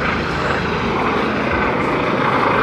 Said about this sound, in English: This helicopter is directly overhead. I've never seen one so close. It's bizarre.